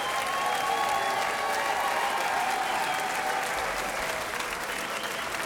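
A crowd applauds steadily for the wind players, a dense, even wash of clapping that holds at the same loudness for several seconds without letting up.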